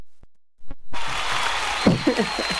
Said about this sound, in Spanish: Aplausos.